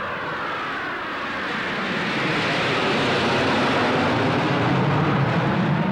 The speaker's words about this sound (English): I think that those planes up there would make an interesting picture, Mr. Ayagi. Russian. Don't you think so? Yeah. What are Russian jets doing here?